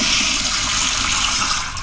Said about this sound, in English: What do you say I fire up the power flusher here? This is an actual one of the power flushers from my home.